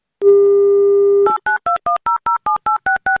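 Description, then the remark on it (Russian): A steady telephone dial tone hums for about a second, then gives way to a quick, even run of about ten two-tone keypad beeps as Avtoradio dials a contestant in the Kaliningrad region. No voices. “Давайте ему звонить.”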